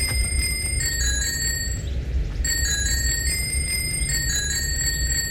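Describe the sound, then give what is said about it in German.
A bicycle bell rings out a quick, tuneful sequence of bright metallic dings, tracing a recognizable pop melody over steady low rumbling background noise, with a brief pause midway. “Wir spielen eine neue Runde das Fahrradklingel-Quiz.”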